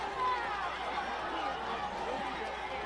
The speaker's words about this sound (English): You hear the university fans reacting. Another sideline warning.